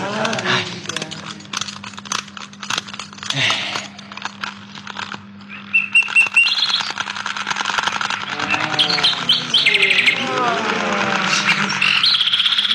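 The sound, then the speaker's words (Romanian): A mechanical golden nightingale toy adorned with jewels sings a bright, tinkling birdsong of rapid chirps and trills, steadily and clearly, with a faint metallic clicking and a low steady hum beneath it. “Nu cântă rău jucăria asta strălucitoare.”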